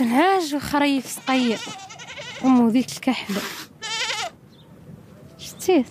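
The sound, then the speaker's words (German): Several goats and sheep bleat in pens built from scrap metal on a sand hill beside a house, on a hot day in mid-March, overlapping calls with wavering, nasal tones in quick succession, followed by a quieter stretch of open-air background and one more bleat at the end. “Die meisten Familien hüten heute noch ein paar Schafe oder Ziegen.”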